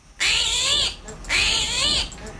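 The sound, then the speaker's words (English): Two high, squeaky chirping calls from an armadillo, each lasting about half a second with a wavering pitch, sounding very much like a bird, fairly loud over a faint background. “I think it's squeaky. I thought it might sound like a bird, and that sounds like a bird.”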